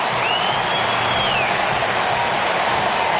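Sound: baseball stadium crowd cheering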